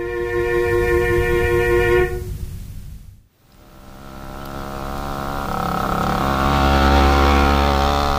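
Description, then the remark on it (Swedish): A small two-stroke moped engine buzzes steadily, drops away briefly to near silence, then revs back up and drones loudly, with no voices. “Han körde från Vägerö till Helsingfors centrum med den mopeden och violinen också mitten på vinter.”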